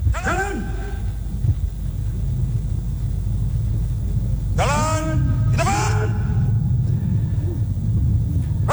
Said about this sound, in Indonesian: Baru saja Presiden Prabowo Subianto secara resmi membentuk atau meresmikan satuan baru dalam TNI yang diiringi dengan bunyi sirene dan dentuman meriam.